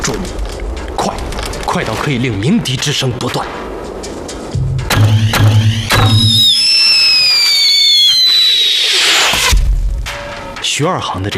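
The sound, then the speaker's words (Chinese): Shrill whistling arrows streak past in a busy sequence, high piercing tones sliding downward, mixed with sharp thumps and booming impacts over a rumbling background. “箭射出时会伴有一声尖利的哨音，具有攻击和报警的双重作用。”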